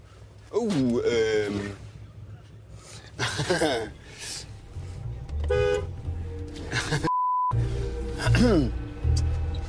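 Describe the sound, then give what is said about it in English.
A train approaches a railroad crossing in Monterrey, Mexico, rumbling low and steady while its horn blares in several long, wavering blasts, with a brief pure tone cutting in partway through before the horn sounds again. “There's a train coming.”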